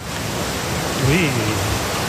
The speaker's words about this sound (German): Aber es gibt zum Beispiel, das ist einzigartig in NRW, in einem See, hier kannst du surfen. Ich habe euch die Welle mal mitgebracht, hört mal.